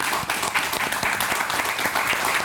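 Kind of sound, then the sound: crowd, applause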